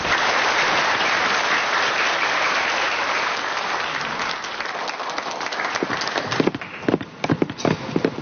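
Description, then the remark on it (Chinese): A crowd at a competition applauds the Binhai University of Science and Technology project in a steady, dense wash of clapping that thins toward the end into scattered, sharper individual claps before fading. No voices are heard. “好的，从现场的掌声呢，我们已经可以感受到了滨海科大的项目得到了众人的认可。”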